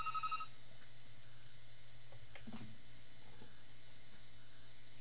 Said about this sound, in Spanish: Les comento que también tenemos una llamada por aquí.